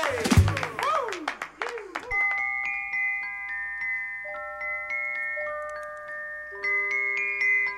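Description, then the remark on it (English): A short burst of clapping with whooping, swooping cheers for about two seconds, then it gives way to sustained, bell-like chiming tones that ring on alone. “round of applause, why not?”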